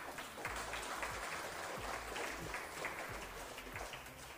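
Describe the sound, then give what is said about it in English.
A crowd applauds steadily, many hands clapping in a dense, even wash of sound that holds at a constant level for the whole stretch, with no voices standing out. “So you want to give him one big black clap.”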